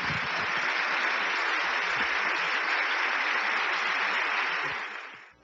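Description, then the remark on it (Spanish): Steady audience applause, a dense wash of many hands clapping at an even loudness for about five seconds before tapering off quickly at the end. No voices are heard over it. “Démosle un aplauso”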